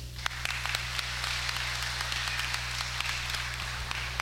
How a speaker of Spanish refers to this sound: Le damos un aplauso.